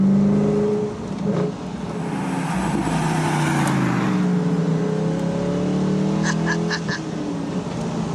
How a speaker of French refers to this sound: Alors on est là au volant de la dernière Morgane de l'histoire avec un V8 qui en aura. Et puis V8 à toi. Écoutez-moi ça.